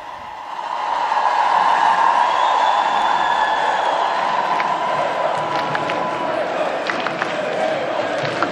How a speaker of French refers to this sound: Le pape maintenant qui descend de la scène. Alors que vous entendez la foule scander Léon, Léon.